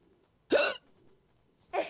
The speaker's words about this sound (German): bis er den Schluckauf weggebracht.